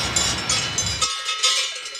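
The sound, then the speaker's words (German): Several cowbells on cows grazing a high alpine pasture (Hochalm) in summer clank and ring in an irregular, overlapping jangle of bright metallic tones, moderately loud throughout, with a low rumbling noise underneath for the first half that then drops away. “Ja, im Sommer sind die Kühe hier oben auf der Hochalm.”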